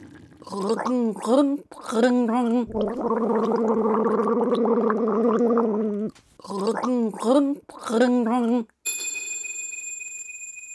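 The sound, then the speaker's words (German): Someone gargles water as a riddle, sputtering bubbly bursts around a long sustained gurgling stretch that sounds like a tune, then a bright bell rings out at the end. “Macht euch bereit, wir setzen die Segel für das letzte Gurgelrätsel.”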